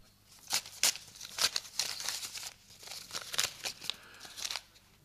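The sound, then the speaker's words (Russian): Paper crinkles and rips as an envelope delivered to a professor is torn open, a series of crisp rustling bursts and tearing strokes over several seconds, with no voices. “Пакет господину профессору.”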